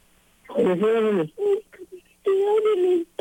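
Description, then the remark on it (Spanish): A person crying in several wavering, drawn-out sobs with short pauses between them, sounding thin and muffled as if coming through a phone or radio speaker. “¿Tú estás llorando, corazón? ¿Por qué lloras?”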